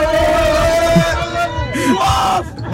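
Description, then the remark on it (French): A crowd of SOC sports supporters at the supporters' bus shouts and cheers together to encourage their players, a dense, sustained roar of many raised voices with overlapping yells rising and falling, loud and continuous throughout. “on a nos voix pour crier. Le but c'est de faire le maximum de bruit pour encourager nos joueurs sur le terrain en espérant la victoire à la fin.”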